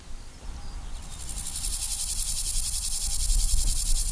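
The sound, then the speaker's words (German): Grasshoppers living on a former taxiway chirp in a dense, rapid buzzing chorus that rises in after a quiet moment and holds steady, fairly loud, with no voices. “Die Heuschrecken teilen sich den ehemaligen Taxiway als Lebensraum mit einer weiteren Tierart, die für ihr kollektives Verhalten bekannt ist.”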